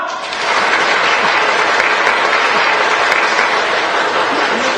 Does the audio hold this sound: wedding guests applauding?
yes